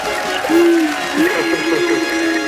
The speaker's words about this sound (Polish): Krasnoludki, spokojnie, że za chwilę chyba przebiją sufit w naszym studiu. One chcą powiedzieć, że cię bardzo lubią, uwielbiają i dedykują ci te brawa. Posłuchaj.